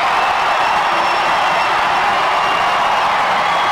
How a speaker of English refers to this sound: The Padres strike with Nick Castellanos getting a hanging sweeper and hitting it into the bleachers. Cardinals 2, Padres 2, here in the ninth inning, and this crowd is going nuts on Mother's Day.